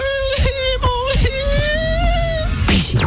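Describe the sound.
A man's voice imitates a little girl crying: a high, wavering, sustained wail broken by short sobbing catches, loud, with a brief breathy burst at the end.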